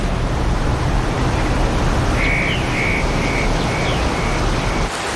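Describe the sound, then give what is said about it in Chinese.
A mountain stream, swollen with spring water in the mountains, babbles and rushes with a steady, full hiss throughout, while a series of short, high chirping notes repeats above the water in the second half. “山泉涌动，溪水暴涨，在潺潺的流水声中”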